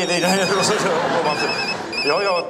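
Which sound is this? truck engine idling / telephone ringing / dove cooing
telephone ringing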